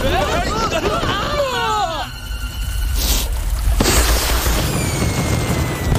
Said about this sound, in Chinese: 快看，烟花开始了！ 哇，好棒！